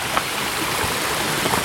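A steady rush of flowing stream water where two streams come together, the broad splashing hiss continuous throughout with small bubbling surges, and no voices present.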